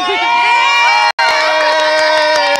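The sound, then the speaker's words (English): A loud crowd of Spanish fans outside the Jimmy George Indoor Stadium cheers and shouts continuously, with many overlapping voices and high-pitched whoops, broken by a brief dropout of silence before the roar resumes. “we are right now outside the Jimmy George Indoor Stadium, and these are the Spanish fans.”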